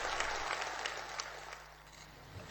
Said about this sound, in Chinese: 北京人民大会堂的掌声不断，梁家河村党支部会议室同样回响着热烈的掌声。